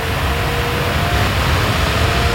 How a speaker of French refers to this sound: Ça, c'est la clim, ça y est, on a branché la clim. Ah oui, le bruit de la clim que vous entendez derrière, c'est pour illustrer le thème de la pétition baptisée « Coupons la clim » à Yann Barthès.